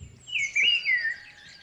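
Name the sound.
person imitating bird chirps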